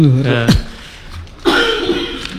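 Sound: cough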